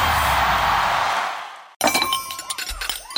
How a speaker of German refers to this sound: Menschenskinder, scheppert doch nicht so mit den Tellern und den Tassen, ihr Lieben. Es klingt hier wie bei einem Polterabend.